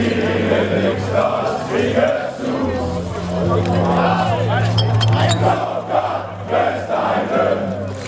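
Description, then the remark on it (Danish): A few bright beer-glass clinks ring out over the steady hum of a lively crowd, with many voices chattering and calling out all the way through. “Med øl, klir og alt muligt andet.”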